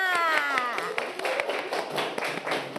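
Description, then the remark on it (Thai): Children in a class clap for themselves after the teacher praises them, a loose, uneven patter of sharp hand claps that continues for a few seconds, with a woman's voice briefly audible at the start. “เก่งมากค่ะปรบมือตัวเองค่ะ”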